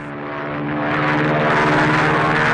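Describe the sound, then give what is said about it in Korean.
Several enemy propeller planes drone low overhead, their engine hum steady and buzzing, with a deep harmonic growl that swells louder over a couple of seconds as they near. “어느새 비행기 몇 대가 낮게 날았다.”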